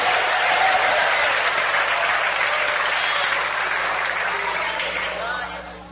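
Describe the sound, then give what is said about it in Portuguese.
A church audience, urged to clap louder while giving glory to God, claps loudly and steadily in a dense, sustained burst of applause that lasts several seconds, with faint voices mixed in, then begins to taper off slightly toward the end. “Mais forte as palmas misturado com glória a Deus.”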